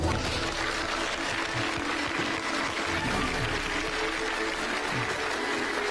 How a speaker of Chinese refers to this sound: 让我们掌声请出我们今天的开讲嘉宾，2026年斯诺克世锦赛冠军吴奕泽。